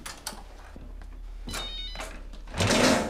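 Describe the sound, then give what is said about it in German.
A mobile phone rings in a few short, bright electronic bursts that repeat at intervals, ending in a louder, fuller burst. No one speaks. “Das ist mein Handy.”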